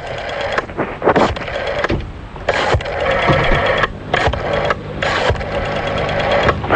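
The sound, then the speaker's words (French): A rotary telephone being dialed: several bursts of mechanical whirring and rapid clicking as the dial spins back, separated by short pauses, with no one speaking. “On est en train déjà de composer le numéro de téléphone.”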